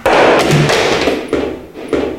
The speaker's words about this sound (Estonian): Kus telefon on? Põranda. Kui see telefon on tõesti katki ju, see on maha kukkunud ju.